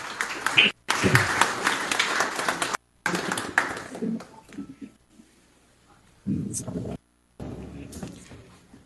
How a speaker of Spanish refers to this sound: Una vez más, fuerte los aplausos, por favor, ya está subiendo al escenario.